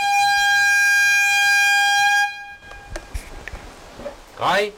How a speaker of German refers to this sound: Doch zunächst ist weit über die Mellenthiner Heide hinaus jenes durchdringende Signal zu hören, das eine baldige kontrollierte Bombendetonation ankündigt.